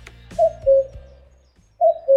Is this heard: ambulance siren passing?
no